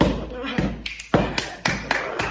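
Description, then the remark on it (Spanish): Heavy footsteps stomp up stairs, about six thudding impacts in an uneven rhythm, each landing sharp and loud against a faint background murmur. “Subo las escaleras para arriba, así.”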